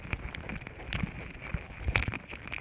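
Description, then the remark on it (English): Ants biting contact microphones laid next to their nest: irregular sharp clicks and crackling pops from their mandibles, some louder than others, over a steady faint high-pitched hiss, like tiny jaws gnawing and snapping against a hard surface. “Ant mandibles, chewing on a microphone.”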